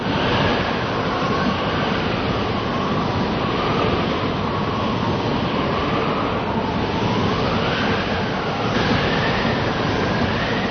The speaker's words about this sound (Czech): Už se ohýbá. Pozor, teď tu proletěla utržená větev. Tak to je vichr